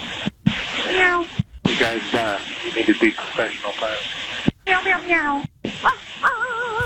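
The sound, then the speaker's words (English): Several pilots imitate cats, meowing over a tinny, band-limited radio channel. The meows come in quick repeated bursts, separated by abrupt transmission cutoffs. “Guys, you need to be professional pilots. Meow, meow, meow.”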